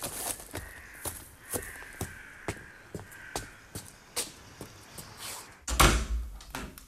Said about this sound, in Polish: Puk, puk.